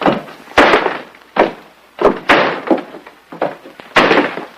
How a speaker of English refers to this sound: Jim opens it to reveal Bill dropping a nail barrel against the bare floor.